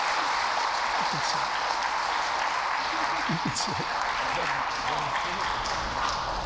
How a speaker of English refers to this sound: Let's give them a round of applause one more time.